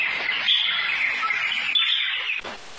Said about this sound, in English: I see a bird. It is thin. It looks sad.